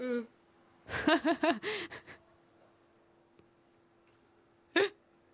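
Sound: yawn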